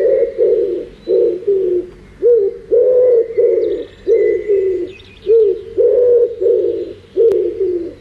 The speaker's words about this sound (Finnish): Siinä oli sepelkyyhky. Sehän on kyyhky, tähän on myös Raamatusta tuttuja. Ja tämä metsäkyyhky, joka sitten etenkin silloin keväällä kovastikin huhuilee ja on päässyt aina virsikirjaan asti, kun toukomettiset ovat äänessä.